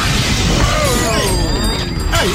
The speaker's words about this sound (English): Everything else, it was broken glass.